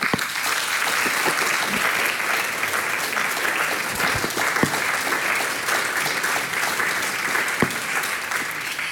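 An audience claps steadily for Marino Kranjec, Istrian bard and president of the Folk Slovenija society, at the society's anniversary; a dense wash of many hands at an even, fairly loud level that holds for the full stretch without fading, with no voices standing out above it.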